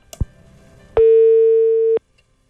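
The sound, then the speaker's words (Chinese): A telephone busy tone on an outgoing call to a number that is engaged: a faint click, then one steady, loud electronic beep lasting about a second over a quiet line hiss, then silence. “您好，您拨打的用户正在通话中，请稍。”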